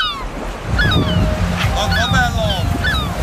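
Steady ocean surf rushes and rumbles, with faint high-pitched cries drifting over it in the background, like a busy, relaxed day at the beach.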